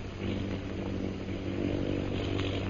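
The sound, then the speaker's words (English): Airplanes flying overhead: a steady, low engine drone with a throbbing hum that holds at an even loudness throughout, with no voices. “Do you hear those planes, Bhutan?”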